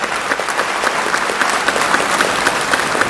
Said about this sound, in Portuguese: Vamos aplaudir essa vocação.